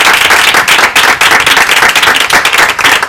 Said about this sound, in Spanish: Muchas gracias a ti, Alberto. Un aplauso para Alberto Giles.